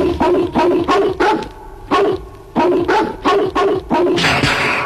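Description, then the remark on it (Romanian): A hunting dog barks loudly and repeatedly, about nine sharp barks in a steady, insistent rhythm with brief pauses, and no voices around it. “Ce fel de câine e ăsta? De vânătoare.”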